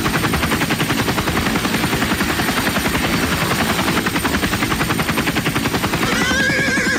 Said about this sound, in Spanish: ¿Aquí fue este caballo? ¿Salió volador o qué? Bueno, más el caballo anda volando. Yo creo que es unicornio.